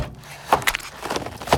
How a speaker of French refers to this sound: Dans la cuisine, j'ouvre la porte du frigo.